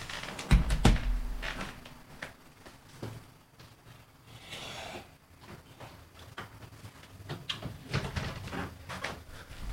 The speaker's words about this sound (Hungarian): Mindjárt becsukom a ajtónkat, hogy ne visszhangozzak.